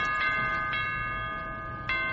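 A doorbell at the front door rings continuously, a steady, bright, metallic tone that holds loud throughout, broken by a few sharp clicks. No one speaks.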